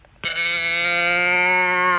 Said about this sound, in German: Nee, das war nicht Kuh Rosi, das ist so eine Kuhdose. Ich mach's nochmal.